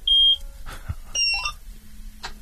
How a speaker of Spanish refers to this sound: Bueno, no sé si encender, tiene un botón de encendido la cosechadora, no sé cómo... Tiene una llave como un coche y sí. Estoy por pedirte que gires la llave, a ver si se escucha por la radio.